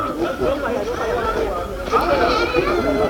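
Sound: young goats bleating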